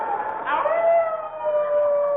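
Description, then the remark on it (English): A long, mournful wolf howl outside a cabin in the frozen far north of Alaska in bitterly cold winter rises briefly and then holds a steady, slightly falling tone for about two seconds, fairly loud, with no one talking. “That's a nice part for a wolf, ain't it?”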